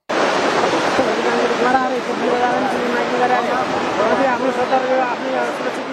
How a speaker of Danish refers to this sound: Sådan her lød det onsdag, hvor vand stadig strømmede gennem landskabet, der nu er fuldstændig gråbrunt og dækket af mudder.